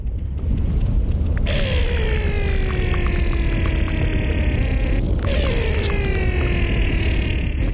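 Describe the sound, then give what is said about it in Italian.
An underwater hydrophone recording of melting glacier ice by German sound artist Ludwig Berger: a dense, steady low rumble with two sharp cracks, each followed by long descending tonal groans and ringing overtones. No voices. “perché ci sono suoni che sono nascosti nel ghiaccio che si possono ascoltare con idrofoni, che sono microfoni acquatiche.”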